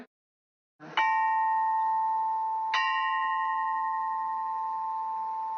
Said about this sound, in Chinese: 但是你看这个编钟总共26枚，它却跨越了4个半8度，它在每个钟上可以敲响2个声音。